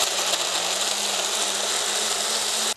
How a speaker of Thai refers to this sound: เราควรจะใช้เครื่องปั่นที่ค่อนข้างจะมีประสิทธิภาพที่หนึ่งนะคะค่อนข้างจะมีความเร็วสูงนิดนึงนะคะเพราะว่าเราต้องการปั่นให้เนื้อผลไม้ทุกอย่างเนี่ยรวมเป็นเนื้อเดียวกันละเอียดนะคะเราจะปั่นไปเลยนะคะสังเกตดูว่าผลไม้มันจะเข้าเป็นเนื้อเดียวกันนะคะ